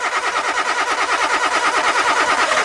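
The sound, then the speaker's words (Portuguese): A car engine cranks steadily without catching, a loud, fast, rhythmic whirring churn that repeats evenly for a few seconds with no voices present. “O seu carro não pega?”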